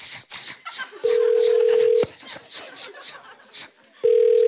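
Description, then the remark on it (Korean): A telephone ringback tone for an outgoing call to applicant number 4: two steady one-second beeps, roughly two seconds apart, cutting clearly through lively chatter and laughter from several people. The applicant does not answer and hangs up. “전화 받아요. 전화 받으세요. 아이 끊어버리셨네요.”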